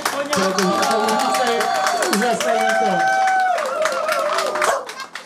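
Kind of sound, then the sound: crowd, crowd clapping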